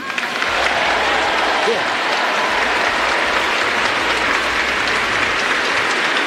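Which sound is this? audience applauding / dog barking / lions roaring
audience applauding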